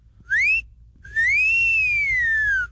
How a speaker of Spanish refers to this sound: El chiflidito para las de 100 y menos